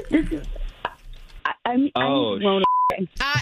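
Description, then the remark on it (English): A single short, clear electronic beep like a phone keypad tone as someone checks their phone, sounding briefly between bursts of talking voices. “Hold on, let me check my phone.”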